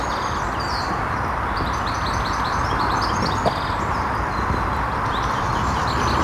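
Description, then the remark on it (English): A herd of cows on the move at lunchtime, a dense, steady shuffle and clatter of many hooves filling the scene, with birds chirping faintly above the constant rumble. “Lunch movement of cows.”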